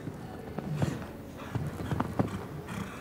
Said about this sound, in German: Und jetzt rechts rum. Nochmal galoppieren, trotzdem das Pferd auf dem Bein behalten zum Schlusssprung, wie im Normalparcours. Und dann sind sie fehlerfrei ins Ziel angekommen.